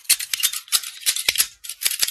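scissors snipping

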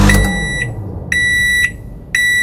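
microwave oven beeping

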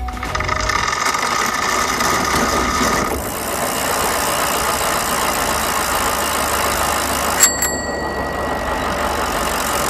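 engine running

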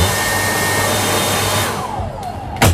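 hair dryer blowing

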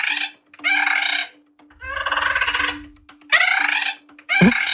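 parrot call

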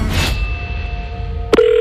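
telephone ringing

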